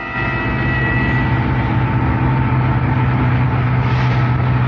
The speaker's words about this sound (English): so Friday evening we drove out of the city heading for the cabin